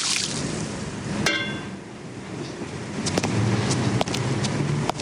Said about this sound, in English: empties water from tin flower containers.